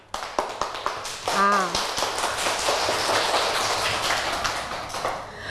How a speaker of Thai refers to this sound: อ่านได้นะคะปรบมือให้นักเรียนปลายทางหน่อยค่ะขอดังๆกว่านี้หน่อยค่ะ